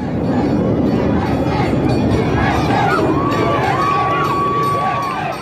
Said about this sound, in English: Cheering and chanting USA, tens of thousands of locals and visitors gathered along Park City's Main Street for the town's annual 4th of July parade.